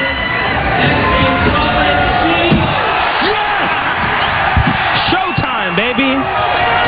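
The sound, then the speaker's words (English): A large crowd at the X Games Monster Energy Men's Skateboard Street event roars steadily and loudly for the full stretch as Ryan Sheckler lands a huge kickflip indie onto the bank, with scattered whoops and shouted voices rising above the dense, unbroken cheering. “Ryan Scheckler sent the crowd into a frenzy with a huge kickflip indie onto the bank.”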